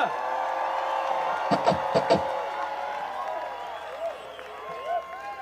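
A crowd applauds and cheers in a steady wash of clapping, with a few sharp, louder claps early on and whistles and shouts rising over the noise toward the end, applauding a guest performer after a band's live set.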